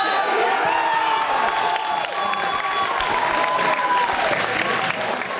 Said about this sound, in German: Großer Jubel bei den Fans der Spielgemeinschaft Fronhofen-Fleischwangen.